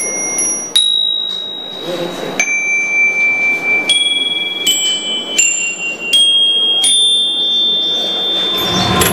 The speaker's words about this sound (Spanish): Hoy en día, las campanillas son la atracción principal.